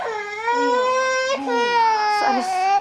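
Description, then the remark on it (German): A baby with a cold wails loudly and frantically in panic after struggling to breathe, one continuous distressed cry that barely pauses for breath, rising and straining in pitch with no other voices. “Und beim ersten Schnupfen geraten sie dann in Panik.”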